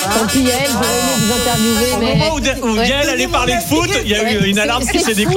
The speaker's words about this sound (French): il y a eu une alarme qui s'est déclenchée.